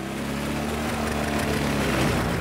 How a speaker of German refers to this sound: Ohne den sogenannten Ponymotor hätte man den großen Diesel früher kaum zum Laufen gebracht. Und so wird gestartet. Kleinen Benzinmotor elektrisch zünden, ordentlich Gas geben und damit den Dieselmotor anschmeißen.